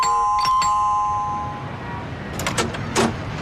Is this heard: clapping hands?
no